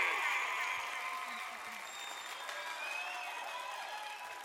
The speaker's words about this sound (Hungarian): Itt vagyunk, csak még szól a taps